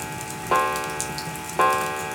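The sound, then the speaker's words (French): Two resonant chimes from a striking clock marking dinner time, about a second apart, each ringing out with a bright metallic tone that slowly fades over a faint steady background. “L'heure du dîner sonne enfin.”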